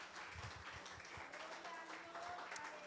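A church audience applauds the Lord steadily during a Sunday morning service, a dense wash of many hands clapping at once, with scattered voices and cheers mixed in throughout.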